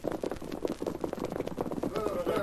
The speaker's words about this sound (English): horses outside, Paul. There's more than one. Can't be Bob.